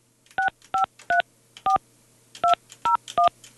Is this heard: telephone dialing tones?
yes